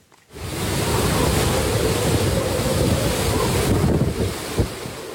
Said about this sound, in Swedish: Stormen slår mot kusten på den japanska ön Okinawa med 12 meter höga vågor. Vinden piskar och nästan välter träden i videon från nyhetsbyrån Reuters. Tyfonen Bavi drar just nu med full kraft över Sydostasien.